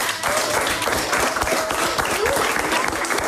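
A studio audience of a quiz show bursts into steady, dense applause for contestants who won a place in the final with a correct answer, many hands clapping at once in a loud, continuous patter that holds level for a few seconds.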